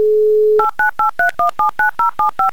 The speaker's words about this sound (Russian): Итак, повторно набираем номер …, звоним и ждем гудки и все-таки ее голос.